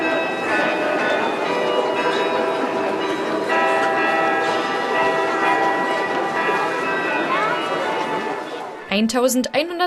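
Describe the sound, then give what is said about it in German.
Ringing carillon bells in the Red Tower, Europe's largest carillon, played by the city carillonneur, ring out a lilting Viennese waltz melody with sustained, layered tones and a steady triple rhythm, loud and reverberant, for a charity dance flashmob; a voice briefly speaks over the fading bells. “Im Wiener Walzertakt zu den Klängen aus dem Roten Turm, die Stadtkarillonneur David Drambian dort auf dem größten Glockenspiel Europas spielte”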